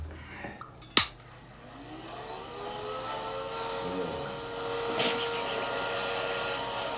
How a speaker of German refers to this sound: Und jetzt verpasse ich dem hier noch eine flotte Föhnfrisur.